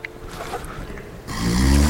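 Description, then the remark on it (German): A deep, rattling snore swells up after a quieter, rumbling breath, loud, with a rough low drone filling the second half. “nicht aufhören zu schnarchen, Herr blöder Sack.”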